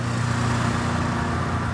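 A steady, rough idle of an old car engine with a leaking manifold blowing gas: a low droning hum with a harsh, hissy rasp on top, constant in level with no speech over it.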